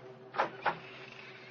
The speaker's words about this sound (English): I found the latch and lifted it. The door squeaked open protestingly.